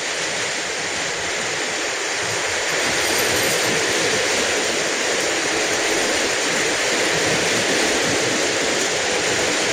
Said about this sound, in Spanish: llueve en Huasco Bajo ahora torrencialmente